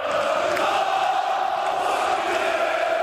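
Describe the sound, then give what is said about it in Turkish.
A dense crowd of Fenerbahçe members chants and cheers together, celebrating Aziz Yıldırım's election victory, in a loud, steady roar of many voices, sustained throughout with no pauses. “Aziz Yıldırım seçim galibiyetini üyelerle birlikte tezahürat yaparak kutladı.”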